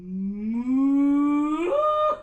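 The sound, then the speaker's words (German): A single long, drawn-out moo, loud, rising steadily in pitch before breaking upward near the end and cutting off after about two seconds. “… arbeitet viel mit der Vorstellungskraft und führt Sängerinnen und Sänger gedanklich auf saftige Almwiesen mit fröhlichen Kühen.”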